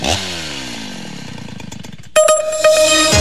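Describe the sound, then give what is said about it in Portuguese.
A Stihl chainsaw engine idles with a sputtering, falling pitch, then bursts into a loud, high-pitched revving roar for the last second, with no voices. “Na Dom Bosco a Estil ronca alto e a parceria acontece.”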